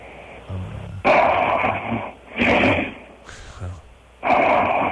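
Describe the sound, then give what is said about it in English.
Loud, raspy human snoring, with four rough, rattling breaths in a steady rhythm, prominent, the third one a bit softer. “And by the way, if you were trying to humiliate, you're just fine at that without the snoring.”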